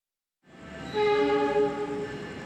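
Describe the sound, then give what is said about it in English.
A train running between Jakarta and Surabaya, Indonesia, while testing a biodiesel blend rumbles by, then its horn sounds a loud, sustained multi-tone blast over the rolling noise of the cars. No one speaks. “Beyond the facility, trains between Jakarta and Surabaya have also been testing the blend since April.”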